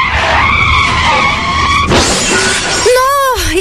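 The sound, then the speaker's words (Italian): A car skids with a loud, drawn-out tire screech, then slams into a low wall with a sudden crunching impact, followed by a brief wavering squeal as it settles, all loud. “Muretto! E ora? Tra assicurazione e documenti rimarrò a piedi per giorni.”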